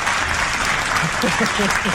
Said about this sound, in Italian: Aspetta, perché qui c'è anche il nostro gruppo di ascolto che è pronto ad applaudirti e arriva l'applauso.